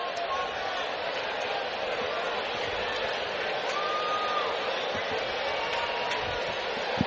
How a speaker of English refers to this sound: And it sounds like the wave has started, though I don't see it. You can kind of tell the way the cheering's going on.